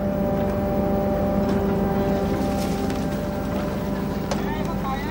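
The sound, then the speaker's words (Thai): A fishing boat engine drones steadily and loudly throughout, a continuous low rumble with a humming tone, from a light-lure fishing boat motoring on the water to gather schools of fish in one place, with no break in the sound. “เรือไฟล่อปลาก็ทำหน้าที่ล่อให้ฝูงปลามารวมอยู่ที่เดียวกัน”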